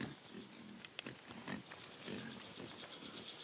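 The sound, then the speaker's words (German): Semi-wild Iberian black-footed pigs grunt in short, low bursts while roaming freely in a cork oak forest, with faint bird chirps and outdoor ambience around them and no one talking. “Iberische Schwarzfußschweine können sich hier genauso frei bewegen wie Schafe.”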